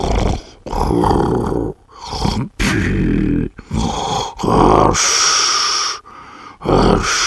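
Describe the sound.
Loud, rasping snores mixed with strange, drawn-out groans from a sleeping man apparently having a frightening dream, coming in several uneven bursts with short breathy pauses between them.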